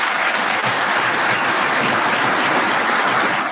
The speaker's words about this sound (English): And so she gets applause there.